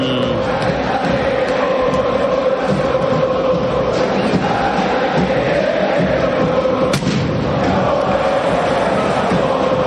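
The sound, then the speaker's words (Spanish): A huge stadium crowd roars and chants without pause, welcoming the River football team onto the pitch amid fireworks and white and red smoke. Dull thuds and one sharp bang cut through the steady, loud wall of noise. “Escucha el recibimiento al Millonario por Continental.”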